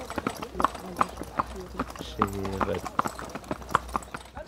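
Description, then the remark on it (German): Steady, sharp clip-clop of horse hooves from a horse-drawn carriage in Medo, used as a taxi to the fire station, striking in an even trotting rhythm, with a brief tonal voice-like sound partway through and murmured voices underneath. “Mit Pferdegespannen haben sie es in Medo.”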